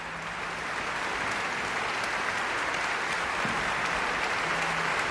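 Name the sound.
concert audience applause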